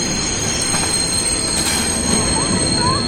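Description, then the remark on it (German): A train rolls into a station with a steady, loud rumble, and high, thin metallic squeals from the wheels ring continuously over the noise throughout, with no one speaking. “Wieder fährt der Zug in den Bahnhof.”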